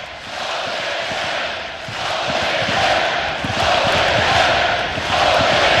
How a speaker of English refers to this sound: Well, hard to stay within yourself when you got this many people cheering you on.